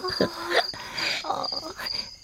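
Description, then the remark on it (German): A cricket, Grillchen-Sübelchen, chirps in a steady, high-pitched trill that runs through the whole moment, with soft melodic tones drifting underneath at moderate volume. “Die allerschönste Open-Air-Musik ist doch dein Grillchen-Sübelchen-Zirpen.”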